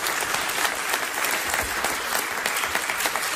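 An audience applauds steadily, a dense, even wash of many hands clapping at a constant loudness throughout, with no voices standing out.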